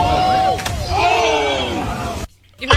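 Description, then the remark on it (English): A single sharp, heavy smack of a 17-year-old's butt hitting the rocks after he jumped off Sunset Cliffs in San Diego, cutting through excited shouting and crowd noise that carries on for a couple of seconds before cutting off abruptly. “That was his butt smacking the rocks.”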